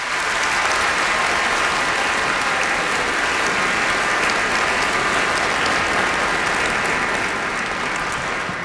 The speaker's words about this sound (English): Let's give them a big welcome round of applause.